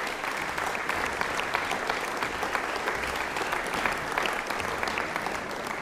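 An audience in Hobart applauds a string quartet after its performance, a dense wash of many hands clapping at once, sustained and even in loudness throughout with no voices standing out.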